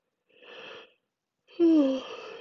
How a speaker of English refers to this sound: Offering this prompt made me yawn.